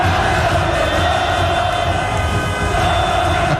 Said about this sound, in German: Watson berichtet von Ausnahmezustand in Zürich und zeigt in einem Video hunderte von feiernden Fans beim Bahnhof Hartbruck. Dort in der Umgebung gibt es verschiedene Public Viewings.